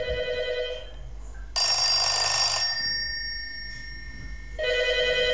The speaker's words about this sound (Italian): Signori, telefono SIP anni 70, suoneria grande.